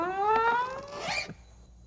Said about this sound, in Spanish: Incluso la puerta hacía un tenebroso y chirriante sonido.